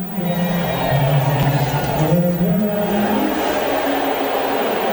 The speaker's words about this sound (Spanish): ahí me parecen abucheos. Pitos, no sé, pero. No te a lo mejor no, pero mira, mira, así sonaba directamente en la grada.